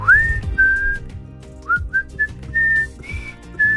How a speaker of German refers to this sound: So, ich versuche jetzt mal zu pfeifen.